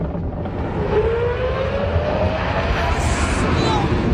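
A roller coaster, recorded from outside the ride, thunders past at high speed, a loud, steady rushing roar with a rising mechanical whine sweeping through it and a brief hiss near the end.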